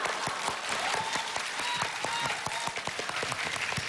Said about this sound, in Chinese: 哎呀， 谢谢谢谢谢谢大家掌声。